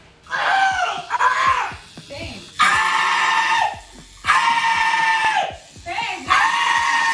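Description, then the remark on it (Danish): A grown man getting a tattoo lets out loud, strained, wailing cries in about five bursts, each lasting a second or more, with brief breathy pauses between them, while a tattoo machine runs in the background. “Er det lyden af, hvad hedder det, en tatoveringsmaskine, jeg hører i baggrunden?”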